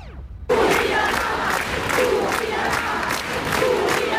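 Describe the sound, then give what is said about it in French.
A large crowd of about a thousand protesters at Place Vendôme in Paris, in front of the Ministry of Justice, on the evening of Monday 8 June 2026, roars and shouts in anger, a dense, loud wall of voices with rhythmic surges like chanted cries, starting abruptly after a brief falling tone and continuing steadily. “Bien que la manifestation fût interdite, la foule était venue crier sa colère et son indignation.”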